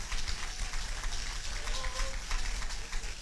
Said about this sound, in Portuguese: Bate as palmas para Jesus. Aleluia.